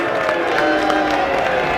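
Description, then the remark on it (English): A packed, capacity Michigan crowd at a baseball game against Ohio State roars and cheers loudly and steadily, with scattered whoops and clapping mixed into a dense, continuous wash of sound. “Capacity crowd in full throat.”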